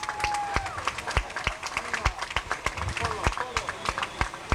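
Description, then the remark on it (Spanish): An audience at Pizza Hut Chetumal claps steadily for a franchise director of Corporativo GES, with sharp, irregular hand claps overlapping in a continuous patter, a brief tonal whoop or whistle early on and faint voices underneath. “director de franquicias corporativo GES. Fuerte los aplausos.”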